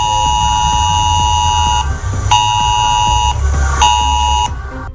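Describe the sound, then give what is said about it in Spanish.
A harsh, buzzing emergency alert tone from a mobile phone blares in long pulses, three loud bursts separated by brief gaps, with no voices present; a population emergency warning sent to phones in areas near the port of Santander during a chemical risk drill. “Es que es una de las sirenas de aviso a la población para casos de emergencia en el puerto de Santander.”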